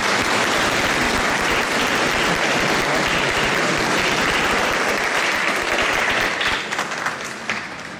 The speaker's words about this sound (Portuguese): Uma salva de palmas.